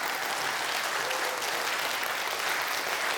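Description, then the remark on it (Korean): Steady, dense applause from an audience after a music performance, a continuous wash of many hands clapping at an even level for about three seconds, with no voices standing out. “자, 그럼 이 멋진 음악을 연주해 준 미리네에게 큰 박수 부탁드리겠습니다.”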